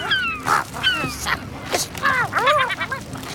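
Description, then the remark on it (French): A herring gull gives a series of harsh, nasal squawks, some sliding downward and others rising and falling, with brief rustling, tearing bursts of plastic between the calls as it tries to rip open a garbage bag. “Le goéland argenté essaie d'éventrer un sac poubelle, mais il a quelques difficultés.”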